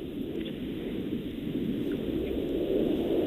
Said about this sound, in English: I'm hearing planes. I'm hearing a jet. Is that possible? I think that's possible.